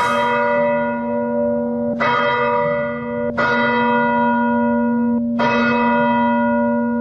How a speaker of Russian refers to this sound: И хоть на месте до сих пор еще работают спасатели и пожарники, с самого утра в храме уже звонят колокола.